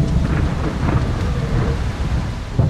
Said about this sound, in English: I don't know if you've ever been in a storm where this rain does not cooperate. It comes to the side. So it's beating down on you. And I mean, you've got thunder now. There's lightning in the distance.